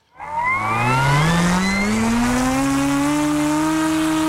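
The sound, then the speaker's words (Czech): A small model airplane engine, flying in a technical secondary school project in Vysoké Mýto, drones loudly and steadily, its buzzing, high-pitched whine rising in pitch as it revs up and then holding a sustained tone. “Letadlo máme ve vzduchu.”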